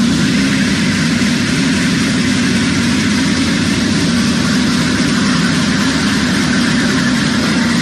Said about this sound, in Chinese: 现在是上午的8:30，我现在是在宜昌北站的站台上。那在我身后呢，宜兴高铁的首趟综合检测车呢即将驶出站台，这也标志着宜兴高铁正式启动了联调联试工作。